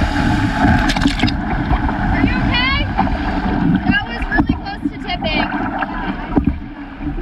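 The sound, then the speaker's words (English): A canoe pushes through rough, choppy water on Lake Winnipeg, paddled hard through large waves, with steady splashing and sloshing, gusts of wind buffeting the microphone, and faint voices calling out now and then in the background. “On Lake Winnipeg, they paddled through large waves and almost capsized.”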